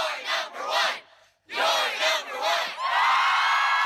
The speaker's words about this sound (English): Listen up, high school sports fans. This cheers for you.